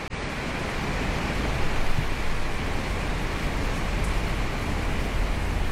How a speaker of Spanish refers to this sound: Como que se iba a llover otra vez fuerte en el techo.